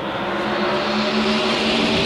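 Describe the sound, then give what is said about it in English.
Loud, dense roar of NASCAR race car engines revving at high pitch, about 9,000 RPM, a sustained wall of engine noise with steady harmonic whine and no talking. “The sweet sound of 9,000 RPM NASCAR engines.”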